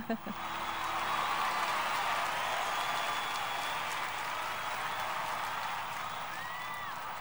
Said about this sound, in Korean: 라이브 버전이라 와, 함성이 대단하네요.